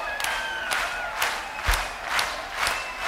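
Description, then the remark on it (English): A group claps hands together in unison, six sharp, steady claps about half a second apart, over a continuous murmur of crowd noise. “I want everybody to clap your hands like this.”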